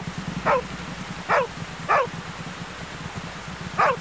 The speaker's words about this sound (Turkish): Bu köpek sesi de nereden geliyor? Hay Allah. Köpekcik, şşt, yolumuzdan çekilir misin?